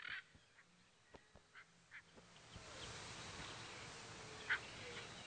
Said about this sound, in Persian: حالا زمان نسل گیری توتی های ماکو نیز رسیده است. پونتانال یکی از زیستگاه بسیار عالی برای این پرندگان نادر هستند. با داشتن 1 متر طول، اینها درازترین توتی ها در روی جهان هستند.